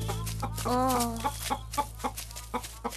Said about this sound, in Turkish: Burada iki tane değil, bir sürü tavuk var.